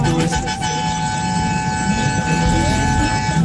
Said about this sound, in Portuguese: Toma ele buzina, Léo.